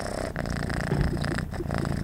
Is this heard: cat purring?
yes